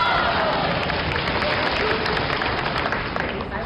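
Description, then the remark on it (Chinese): A crowd bursts into sustained applause, a dense, steady roar of many hands clapping with shouts and cheers mixed in, holding loud for the full few seconds. “20年， 嗯， 50年，连鼓掌带叫好的发财一辈子。”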